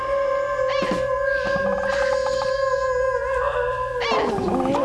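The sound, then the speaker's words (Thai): A person imitates a dog howling: one long, steady, high wail held for several seconds before it slides down in pitch near the end. No one talks over it. “เฮ้ยฉันว่าไม่ใช่เพราะฉันหอนไม่เหมือนหรอกพี่แกน่ะหูเพี้ยน มันเหมือนผีอ่ะ”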